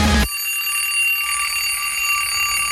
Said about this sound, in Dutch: gaat er ergens een schoolbel af of een bel überhaupt.